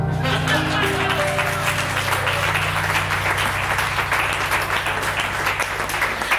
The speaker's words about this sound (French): déjà on peut applaudir également.